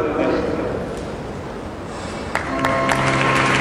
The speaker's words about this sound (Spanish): Con estos aplausos se da por finalizada esta primera parte de la representación general del Mystery Dance de este 13 de agosto de 2026.